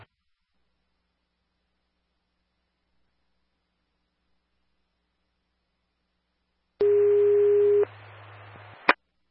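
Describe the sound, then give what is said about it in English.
After several seconds of silence, a loud, steady radio dispatch alert tone for ambulance unit Medic 6 sounds for about a second over crackling static, followed by a short stretch of hiss and a sharp click at the end. “Medic 6, am I for Tones?”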